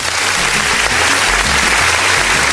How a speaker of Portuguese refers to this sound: Ô, aniversariante do dia tem aplausos.